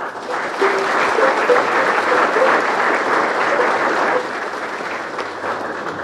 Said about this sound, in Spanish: Entonces sean todos bienvenidos y sientan siempre el seminario Nuestra Señora de Suyapa como su casa. Los acogemos con un fuerte aplauso.